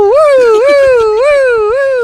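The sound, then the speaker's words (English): A voice mimics a police car siren, a loud wailing tone that swoops up and down in quick repeated cycles, about four rises in two seconds, with no other talking. “It was followed by a police car.”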